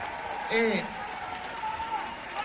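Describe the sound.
An audience applauds with a steady, dense wash of clapping throughout, while a brief voice rises over it early on and a faint tone hovers near the end.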